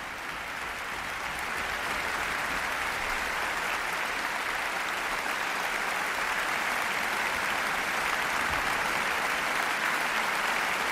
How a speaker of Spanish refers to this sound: Aplausos de nuevo para todos los profesores y su director titular, Ludovic Morlot, de la Orquesta Sinfónica de Barcelona y Nacional de Cataluña.